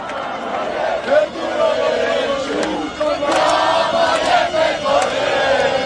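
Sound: protest crowd shouting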